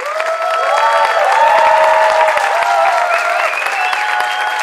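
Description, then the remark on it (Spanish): An audience applauds steadily and loudly for several seconds for a band, a dense wash of clapping with some cheering voices and whistles mixed in, holding at a fairly even level throughout. “Un gran aplauso para el … que nos acompaña esta noche.”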